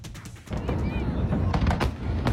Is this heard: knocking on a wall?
no